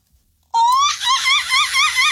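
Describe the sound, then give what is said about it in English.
A person attempts a seagull cry but it comes out monkey-like: a loud, high shriek that rises, then breaks into a rapid, wavering hoo-hoo warble, with no other talk. “It's more monkey than seagull.”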